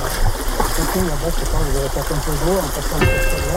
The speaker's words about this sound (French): Voilà. Alors dans la pêche, c'est ça, des fois il faut traverser aussi les rivières.